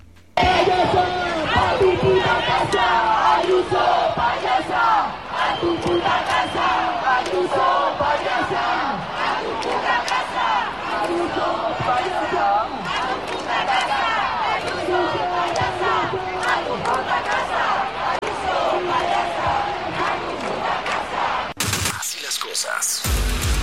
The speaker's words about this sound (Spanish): Y sí, este audio lo tomé precisamente de la manifestación en donde a la presidenta de Madrid la mandaban a su casa.